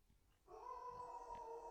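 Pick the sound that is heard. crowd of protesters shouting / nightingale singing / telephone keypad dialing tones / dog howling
dog howling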